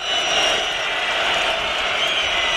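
A stadium crowd in New York at the France versus Senegal football match, French supporters applauding a penalty given to France, in a dense, steady wash of clapping and cheering that holds at an even, loud level throughout, with no pauses or distinct individual claps.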